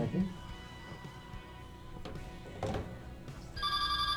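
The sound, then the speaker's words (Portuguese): A telephone starts ringing near the end, a loud, steady electronic ring tone that cuts in over a low background of room noise and faint murmuring voices. “Primeiro vamos pro telefone.”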